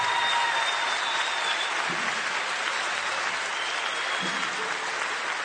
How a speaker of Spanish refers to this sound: otro aplauso para estos tres.